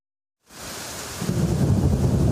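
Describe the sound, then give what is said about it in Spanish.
After a brief silence, heavy storm rain bursts in as a dense, steady roar of hiss, and a deep low rumble swells beneath it about a second later. It is an exceptional storm in Catalonia, Spain, with everything flooded and water falling everywhere. “Está todo inundado, cayendo agua por todos los lados.”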